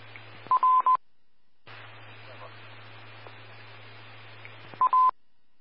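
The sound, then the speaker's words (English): Short bursts of telephone keypad dialing tones as a phone number is dialed to try to contact someone for a welfare call, a few quick beeps near the start and again near the end, over a steady low hum and faint radio-like noise. “I also put his phone number in the call and attempted to contact him, but they couldn't answer, so I let the police know.”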